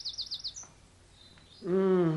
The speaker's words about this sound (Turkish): Şu kuş seslerinin güzelliğine bir bakın. Üstelik de gerçek kuş sesleri. Televizyondan, radyodan duyduğumuz efektler değil.